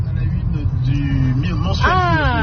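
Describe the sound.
A car drives steadily along a winding road with hairpin bends, between Beaufort and the Lac de Roseland, its low engine and road rumble filling the background while a person talks over it, with a rising, drawn-out vocal sound near the end.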